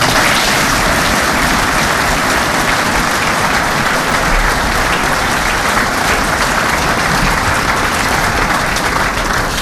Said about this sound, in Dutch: En daar mag ik hem wel even voor klappen.